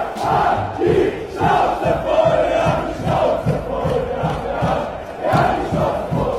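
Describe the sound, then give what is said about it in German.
A large crowd at a big pro-AfD demonstration in the streets chants in unison, voices rising and falling in a steady, rhythmic pattern of repeated phrases with no break, loud and sustained throughout. “Accounts wie AfD-Fanclub, die, by the way, 40.000 FollowerInnen hat und sofort.aktuell auf TikTok, sind verfälschte Videos von AfD-Demos rausgekommen und sie legen einen Ton wie diesen.”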